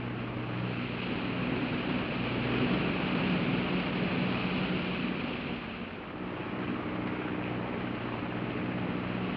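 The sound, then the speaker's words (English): A steady, loud drone of aircraft engines in flight, a low humming tone riding over constant rushing wind noise, unbroken throughout with no voices. “These mills of yours keep running. Look, automatic pilots can't play Dixieland jazz on them engines like I can.”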